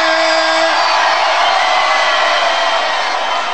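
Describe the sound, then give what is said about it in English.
A loud, dense roar of a crowd cheering and whooping, a steady wall of shouts and yells that holds at full volume for a few seconds without any clear speech. “make some noise in this joint, man.”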